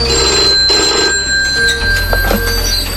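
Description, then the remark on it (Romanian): Several telephones on a railway station master's desk ring at once in near-continuous overlapping bursts, loud, with a low rumbling hum underneath and no speech. “În fața lui, câteva aparate de telefon care sună aproape fără întrerupere.”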